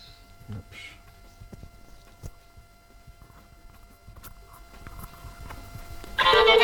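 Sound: phone ringtone ringing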